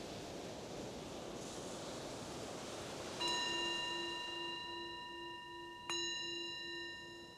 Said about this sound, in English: The bell is the invitation to bring the awareness more back to the surface again from that exploration.